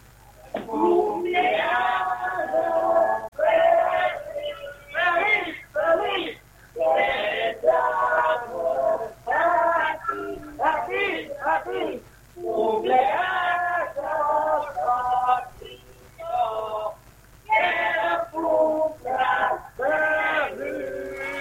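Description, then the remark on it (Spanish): A children's choir sings happy birthday in Spanish ("Cumpleaños feliz") to a friend, their high voices loud and a little ragged, in short phrases with brief breaths between them over about twenty seconds. “¿están preparados entonces los muchachos para cantarle el cumpleaños feliz a nuestro amigo?”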